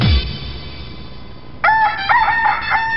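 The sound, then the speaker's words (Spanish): A single loud rooster crow bursts in after a quiet stretch to introduce the 'El mañanero con el gallo' segment on Sol Estéreo radio, its harmonic call wavering and held for over a second. No one speaks. “El mañanero con el gallo.”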